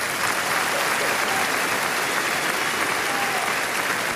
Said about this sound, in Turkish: Bu alkış bana yapabileceğiniz en büyük kötülük.